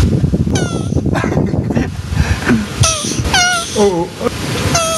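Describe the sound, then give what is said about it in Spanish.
A loud, exaggerated crying wail, several drawn-out wavering sobs rising and falling in pitch, over a dense, noisy background. “Oh, ya ves, ¿para qué le cuelga? Ya está llorando.”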